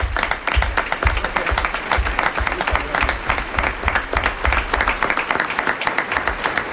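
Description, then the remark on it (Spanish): An audience at the Teatro Luis del Olmo applauds the cast of a radio fiction on Onda Cero's Más de Uno, a dense wash of many hands clapping at an even loudness throughout with no voices breaking through. “Aplauso para Pedro.”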